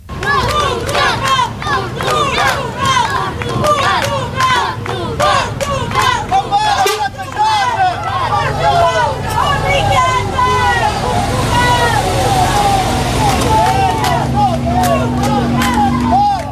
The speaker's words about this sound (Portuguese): Foi assim, desta forma, entre protestos, mas também gritos de incentivo, como mostram estas imagens captadas pela SIC, que a comitiva da Seleção Nacional deixou o aeroporto Francisco Sá Carneiro no Porto, ao início da tarde.